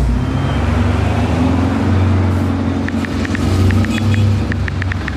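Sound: car braking and skidding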